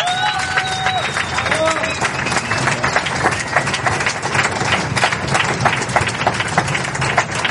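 A crowd applauds steadily for several seconds for a group of four classical instruments that plays cover versions, a dense, even wash of many hands clapping, with a few brief whistles or cheers rising over it at the start.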